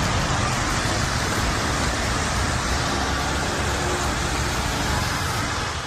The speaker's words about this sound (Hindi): इस वक्त हम मौजूद हैं आईटीओ ब्रिज पर, तस्वीरें आपको दिखा रहे हैं आईटीओ की। अभी भी झमाझम बारिश हो रही है, लगातार रात से बारिश हो रही है। हालांकि रफ्तार कभी धीमे होती है, कभी तेज़ होती है, कभी मध्यम होती है